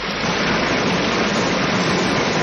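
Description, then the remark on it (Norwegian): A small stream trickles and babbles steadily, a constant wash of running water with no pauses or voices for the whole stretch. “Dette er en bekk. Yes. Det var en liten sildrende bekk.”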